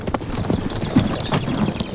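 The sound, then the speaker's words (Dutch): Horse hooves clip-clop in a steady, even rhythm, fairly loud, with several quick hoofbeats each second and no voices over them, as a young prince rides his horse out of a forest. “Totdat er op een dag hoefgetrappel klonk.”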